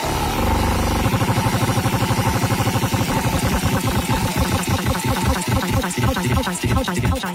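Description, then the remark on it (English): A homemade randomized prize wheel with "dig in" and "apologize" on it spins with a fast, steady rattle of ticking clicks that continues throughout, sounding busy and mechanical, with a low hum underneath at the start. “I've invented a randomized wheel that has both dig in and apologize on it.”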